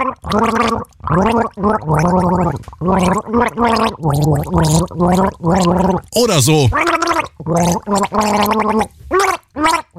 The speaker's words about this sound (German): Das Ziel, mit einem Schluck Wasser im Mund ein Lied gurgeln, das das restliche Team dann errät. Das kann dann etwa so klingen.